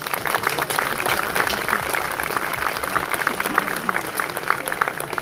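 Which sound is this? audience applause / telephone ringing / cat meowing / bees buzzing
audience applause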